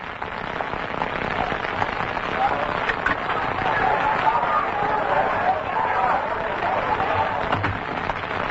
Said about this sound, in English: What's that? Sounds like a crowd. Well, I'll have a look.